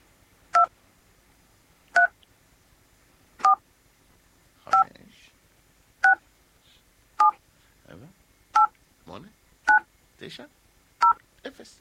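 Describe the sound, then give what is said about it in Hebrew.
Ten telephone keypad dialing tones for the keys 1 through 0, each a short, steady dual-pitched beep, played one after another at an even pace with a different tone for each key, with faint background sounds between the later beeps. “אתם צריכים לזהות באיזה צליל, איזה מקש, איזה מספר מסתתר”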